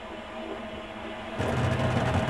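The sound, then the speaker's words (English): A new clothes dryer drones with a steady mechanical hum and faint whine, then abruptly turns louder and harsher partway through, a rough rattling roar that continues to the end. No one speaks. “The dryer just making a No move?”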